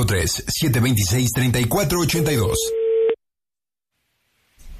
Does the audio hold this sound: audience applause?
no